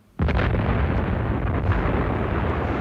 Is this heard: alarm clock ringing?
no